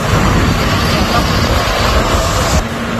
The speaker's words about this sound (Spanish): Escucha, mira el helicóptero donde está echando.